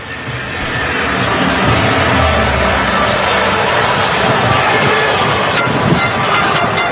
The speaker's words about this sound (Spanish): Sí, ya os digo yo que sí que se ha echado a las calles. Bueno, pues este es el sonido ambiente de la Rúa ahora mismo y de esa plaza que está esperando para que podamos disfrutar de lo que va a ser seguro una fiesta absolutamente histórica.